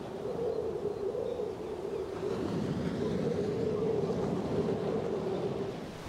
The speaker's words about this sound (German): Winter, das bedeutet aber auch oft Hochwasser und Sturm in Heiligenhafen.